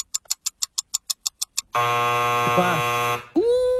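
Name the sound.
quiz game time-up buzzer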